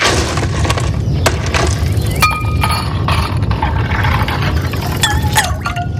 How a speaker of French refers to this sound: Alors, instant fraîcheur avec des glaçons.